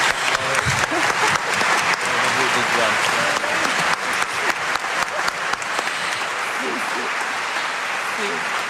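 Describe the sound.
Sustained audience applause for a translator, a dense wash of many hands clapping steadily for several seconds, loud and continuous, with faint murmured voices underneath.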